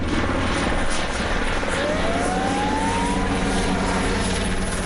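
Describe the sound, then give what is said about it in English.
A firefighting helicopter dumping water on a wildfire in a wooded area around the town of Los Gallardos, Almeria province, roars steadily overhead, its loud, constant rotor and engine drone filling the whole clip with no voices. “Now, the blaze changes direction with the wind, and online footage shows fire engines arriving to confront advancing flames while helicopters dump water from above.”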